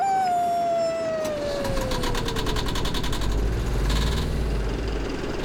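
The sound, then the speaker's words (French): A vaporetto, the water bus of Venice, idles with a deep, steady rumble and rapid rhythmic chugging, opening with a long falling horn-like tone. The sound is fairly loud, with no talking. “C'est le son du vaporetto.”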